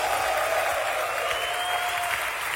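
An audience applauds Shaddai (God) steadily, a dense wash of clapping at even loudness throughout, with a faint sustained tone running beneath it.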